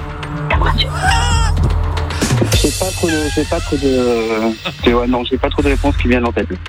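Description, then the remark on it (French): A donkey brays loudly, with wavering, strained calls that turn into a rhythmic series of rasping pulses, over a low background hum. “Trop, c'est l'âne.”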